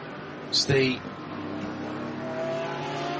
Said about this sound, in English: Down the inside, up at the top of the hill at turn 9, that is the 924, one of the cup cars going through.